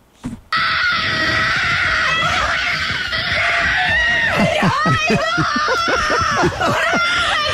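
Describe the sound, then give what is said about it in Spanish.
A woman screams loudly and almost continuously in high, shrill bursts, her voice breaking into sobbing wails of joyful excitement, intense from start to finish, as she jumps and hugs a housekeeper after learning she has been nominated. “Salta, grita, llora, se abraza con la empleada de la casa.”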